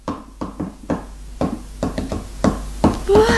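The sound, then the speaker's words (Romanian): A series of sharp knocks tapped out as a message in telegraph code, in an uneven rhythm, some spaced quickly and others with pauses. About a dozen raps, with a brief faint tone near the end. “Nu înveți și tu ca mine așa să ciocănești? Să-mi văd telegrafia?”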